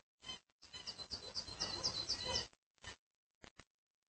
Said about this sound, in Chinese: 同样是在韩国，另一种猛禽和他的配偶也在此生活着。那就是苍鹰，他们是名副其实的白昼猎人。